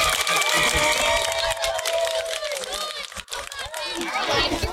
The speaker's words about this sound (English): And we had one conjoined salmon that is making it into the lake today. Survive. Let's give that fish a round of applause.